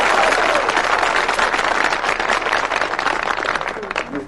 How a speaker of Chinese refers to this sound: 不给你鼓掌吧，手已经伸出来了，给你鼓掌吧，心里不情愿。